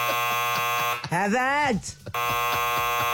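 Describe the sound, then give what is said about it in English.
A loud, harsh game show buzzer, used to buzz people out on Anneli and the club, blares for about a second, breaks off while a voice speaks briefly, then buzzes again steadily until the end. “My biggest fear is getting buzzed out on Anneli and the club.”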